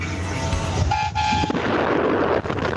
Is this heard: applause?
no